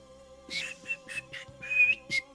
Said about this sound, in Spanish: Dejen ver si me va a salir el silbidito.